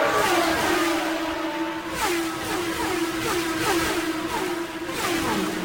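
Indy race cars roar past on a track during a race led by Al Unser, followed by Fittipaldi and Michael Andretti, their high-pitched engines whining continuously with repeated rising and falling swells as car after car speeds by, loud, with no voices.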